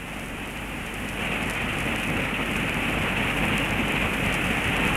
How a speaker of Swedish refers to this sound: Fyrisån är stor och mäktig i år. Den väller fram nästan med en flodstyrka. Och bruset av det vita fallet blir nästan öronbedövande ibland.